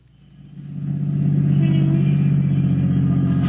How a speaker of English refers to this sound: We're lucky. There's a parking space. All right, pull in. Now turn off the motor.